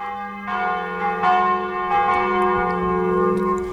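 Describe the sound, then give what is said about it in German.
Several church bells of the town parish church St. Nikolaus in Mühldorf am Inn ring together shortly before 12 noon in a rich, overlapping peal, with repeated strikes layering sustained metallic tones at a steady, fairly loud level and no voices present. “Und das Glockengeläut kurz vor 12 Uhr kommt heute aus Mühldorf am Inn von der Stadtpfarrkirche St. Nikolaus.”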